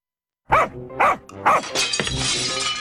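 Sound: dog barking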